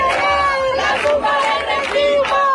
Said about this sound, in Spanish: Cánticos también contra el gobierno central. Gobierno progresista cómplice rentista cantaban ahí, y como en Madrid, canals en decenas de ciudades.